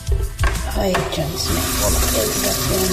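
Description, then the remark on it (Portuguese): Steady running cold tap water splashes into a sink while a woman washes dishes on a cold day, with a few sharp clinks early on and a faint murmur of background voices underneath. “Ela está lavando louça.”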